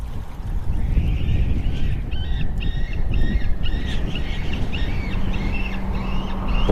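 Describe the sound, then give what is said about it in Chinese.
A series of repeated, yelping white-tailed eagle calls rings out, coming in quick rhythmic bursts over a steady low rumble of wind and water. “白尾海雕通常在广袤的水域附近筑巢。”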